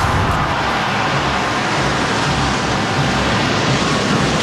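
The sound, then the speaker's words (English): A dense, continuous roar of many drummers across Canada rolling at once in a Guinness World Record attempt, loud and sustained without a break, blurring into a thunderous wash of sound with no voices. “The thunderous drum roll heard from coast to coast.”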